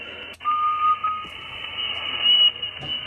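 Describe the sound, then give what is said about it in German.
Shortwave amateur radio hiss and crackle with a steady tone and a brief thin whistle wavering over it, plus sharp static clicks: an operator tuning his antenna, whistling into it while turning the knobs to get maximum output power. No voices. “Wenn da so eine Pfeiferei ist oder irgendetwas, das ist also nicht, weil einer lustig ist, sondern der stimmt seine Antenne ab.”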